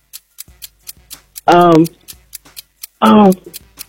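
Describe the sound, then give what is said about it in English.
A game show countdown clock, started for a contestant's timed quiz round, ticks steadily, about two crisp ticks per second, while two brief loud voice-like tonal bursts cut in over the ticking. “All right, start the clock.”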